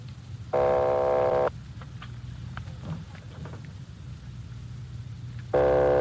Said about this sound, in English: Keep ringing, 761. They're ringing the number, Sergeant.